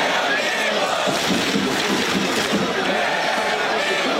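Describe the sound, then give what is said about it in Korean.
A large crowd of citizens watching a World Cup football match at Gwanghwamun, Seoul, roars and cheers steadily after Mexico's opening goal, with a dense wash of voices and scattered clapping that stays loud and unbroken throughout. “하지만 좌절도 잠시, 시민들은 다시 박수를 치고 함성을 지르며 응원의 열기를 끌어올렸습니다.”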